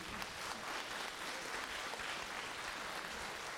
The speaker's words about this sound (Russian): Год назад, Казань, вот эти девчонки вышли на сцену и там такое сделали, что люди просто плакали и смеялись, потом долго-долго аплодировали. Я вас еще раз прошу поаплодировать.